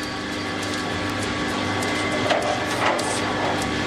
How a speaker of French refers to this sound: Je vais allumer le mixeur. Ouais. Pour le refroidisseur. Et là, je suis sur Guatemala, donc je vais sortir dans une minute, une petite minute.